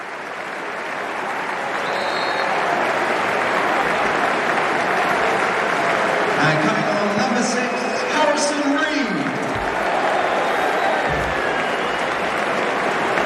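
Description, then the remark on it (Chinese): A large stadium crowd applauds Fulham's number 8 Harry Wilson as he is substituted off, a dense, sustained wash of clapping and cheering for over ten seconds with faint voices and whistles rising within it. “这是给了一个全场观众向哈里威尔逊致谢的机会，换上了六号哈里森李德。”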